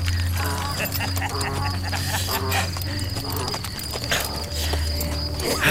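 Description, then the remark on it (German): Donkeys being ridden across the desert plateau of Kafr el Haram clip-clop their hooves in a steady, irregular patter over a constant chirring of insects and a low droning hum, with faint voices murmuring in the background. “Ja, sie reiten auf Eseln auf dem Wüstenplateau von Kafr el Haram.”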